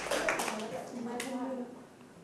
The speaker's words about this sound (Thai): โอเคปรบมือให้เพื่อนครับ